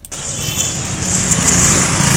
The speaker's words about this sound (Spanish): Vamos a poner aquí en un fondo de calle para que piense que estamos en la Bill Street.